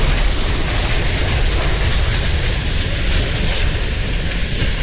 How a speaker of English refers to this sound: The moment of the derailment was captured on a virtual railfan live stream.